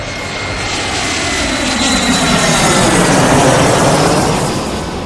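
A steady, loud airplane engine roar with a broad rushing hiss and a low rumble, swelling slightly in the middle and holding through the whole clip, with no voices.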